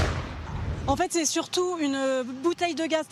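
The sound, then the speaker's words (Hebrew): A gas canister explodes during a wildfire in the Bordeaux area of France, bursting as a loud, rumbling roar at the start, lasting about a second before cutting away to a person talking clearly. “למעשה זה היה בעיקר בלון גז שהתפוצץ, אומרת הכתבת הצרפתייה, כנראה שזה אתה התפוצץ, שמענו פיצוץ אדיר וכבאי הושלח ארצה.”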